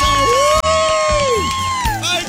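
A loud crowd cheers and claps steadily for a couple of seconds, with shrill whoops and whistle-like cries rising and falling over the dense wash of applause.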